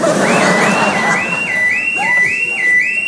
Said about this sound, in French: Oh merde, l'alarme.